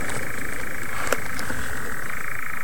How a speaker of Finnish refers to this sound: Ja jälleen sammakko. Kuuletko ton? Kyllä kuulen. On se komean kuulosta toi viitasammakon soiden ääni.